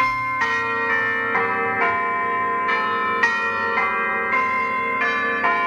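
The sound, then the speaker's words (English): Church bells peal in a steady, overlapping sequence, each strike ringing out loud and resonant, with roughly one new stroke every second and long sustained tones blending together. “If you want to try a new hobby, how about bell ringing?”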